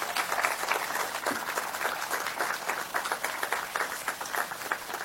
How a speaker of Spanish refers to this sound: Pido un aplauso para todos esos héroes que nos han acompañado en estos 250 años.